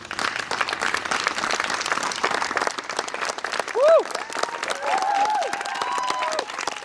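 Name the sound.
audience applause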